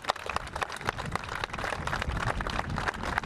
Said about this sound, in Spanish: Desde aquí también para Ivonne un fuerte aplauso.